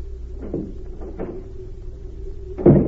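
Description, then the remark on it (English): A few soft knocks and shuffles over a steady low hum, then a door shuts with a single solid thud near the end. “Right out that door there.”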